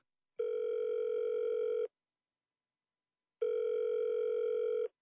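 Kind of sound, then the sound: signal or alarm, telephone dial tone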